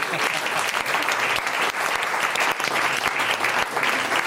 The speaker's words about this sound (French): Oh, on le soutient par applaudissement. Pour un jeune, il se débrouille bien.